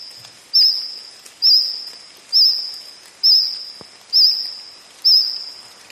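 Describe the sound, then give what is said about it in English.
A cricket, probably singing close to the ground, chirps in steady, evenly spaced bursts, about one per second, each a bright shrill trill that fades slightly before the next, with no voices present. “Sounds more like a cricket, probably singing close to the ground.”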